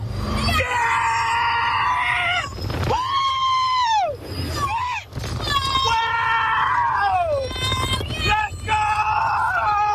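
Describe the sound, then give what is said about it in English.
Many riders scream at once in a loud, sustained chorus, with shrieks rising and falling in overlapping waves over a low rumble, as spinning cars are launched through loops at 115 kilometers per hour on a Universal Studios theme park ride. “Nearby residents told of, quote, screams, blood-curdling screams that penetrate closed windows and doors every 30 seconds for about 10 hours straight when the park is open.”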